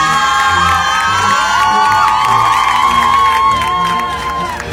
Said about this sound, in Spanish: También un 30 de septiembre de 2021 es el aniversario del nacimiento de José María Morelos y Pavón. Bueno, un aplauso, José María Morelos y Pavón.